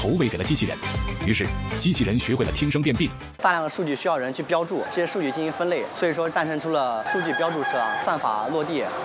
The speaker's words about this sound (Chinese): 我们自主开发的一个异常声音的监测的软件，它可以识别我们鸡舍里头正常的叫声、咳嗽声、呼噜声，还有怪叫。 这个不太好学，比如说还有蛙叫声，呱呱呱那种气管炎或支气管炎。